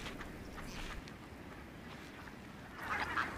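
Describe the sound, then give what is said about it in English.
Ducks, swans and coots call, huddled together in the last open water holes of a freezing lake, over a steady wash of background noise, with scattered honks and quacks early on and a louder burst of calls near the end. No one speaks. “Ducks, swans and coots huddle together in the last open water holes.”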